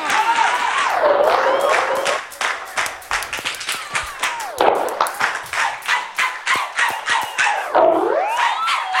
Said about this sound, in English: Everybody give myself a round of applause tonight for coming out.